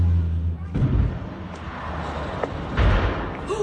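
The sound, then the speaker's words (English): A seaplane with 10 passengers and a pilot crashing into the sea off the coast of Washington State, about 90 miles north of Seattle, bursting into flames on hitting the water: heavy, low booming thuds break through a constant roaring rush, with a loud second impact and a burst of splashing noise near the end. “That social media sound of a seaplane going down off the coast of Washington State, about 90 miles north of Seattle.”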